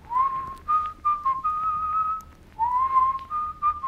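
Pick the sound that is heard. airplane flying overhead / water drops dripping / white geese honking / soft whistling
soft whistling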